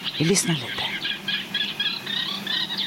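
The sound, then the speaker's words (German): Reed warblers sing at night, a steady, repetitive chattering song of scratchy, rhythmic phrases, continuous, with a brief low voice murmuring near the start. “Wenig später übernehmen andere Vögel. Ja, nu har de kommit igång. Jetzt haben die Rohrsänger angefangen.”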